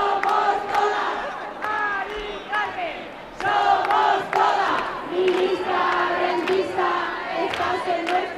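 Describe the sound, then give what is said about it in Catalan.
A crowd of protesters shouts and chants together at a Saturday evening street demonstration marching through central Madrid, loud rhythmic bursts of many voices rising and falling over a constant murmur. “Són els crits que hem escoltat aquest dissabte a hora baixa en la manifestació que ha recorregut alguns dels carrers del centre de Madrid.”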